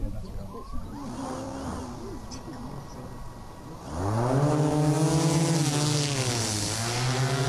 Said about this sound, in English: That's not the sound of a whippersnipper flying. It's a drone demonstration at the Agriculture Careers Day at the University of Melbourne's Dookie campus, where the future careers in agriculture could be launched.